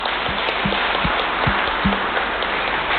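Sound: applause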